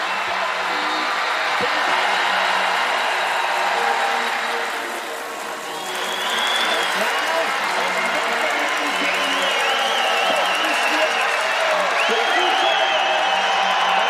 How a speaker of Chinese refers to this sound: 最后一棒将通过主看台，迎接所有观众的欢呼，终点就在眼前。